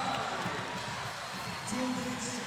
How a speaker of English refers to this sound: JC Miyasaki with a pair of digs in the back row. Gets a nice round of applause from those in-house here tonight.